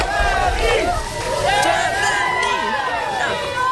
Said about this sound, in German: Ja, gestern Abend geschehen in Winston, North Carolina. Da haben Fans das DFB-Team empfangen. Deutschland fahren Pompons in Schwarz-Rot-Gold. Sie jubeln den Spielern zu.